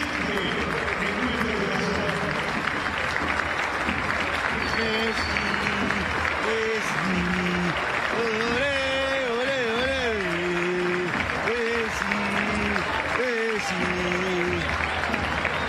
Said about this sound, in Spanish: Aplauso para Messi, 10 minutos del segundo tiempo.